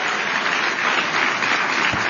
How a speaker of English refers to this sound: And I think the kids on the stage who are behaving very well deserve an amazing round of applause.